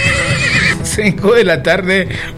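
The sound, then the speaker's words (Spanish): A horse being ridden along a road whinnies loudly, a high, shrill call that breaks into a quavering, wavering neigh lasting a couple of seconds. “Ahora andan montados en carretera, en un caballo.”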